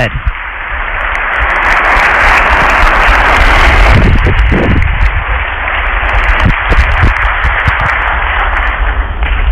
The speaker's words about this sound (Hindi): जोरदार तालियों की गूंज के साथ माननीय प्रधानमंत्री श्री नरेंद्र मोदी जी का स्वागत करें। भारत के माननीय प्रधानमंत्री श्री नरेंद्र मोदी जी का तालियों की कड़कड़ाहट रुकनी नहीं चाहिए।